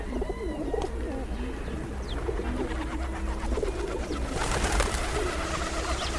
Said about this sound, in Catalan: En aquest capítol heu escoltat el cant d'aquests ocells. Colom roquer, colomba líbia. Au habitual en camp obert durant tot l'any.